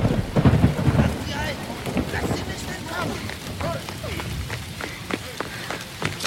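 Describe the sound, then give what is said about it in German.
Steady rain hisses throughout on a cold, rainy night in the city of Zenea, with wind whipping over the rooftops, a deep rumble of thunder rolling in during the first second and scattered sharp taps and splashes. Faint murmuring, voice-like sounds drift underneath. “Es war eine kalte und regnerische Nacht, als Namaya durch die Stadt Zenea rannte.”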